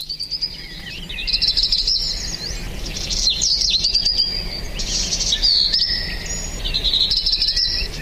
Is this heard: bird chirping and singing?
yes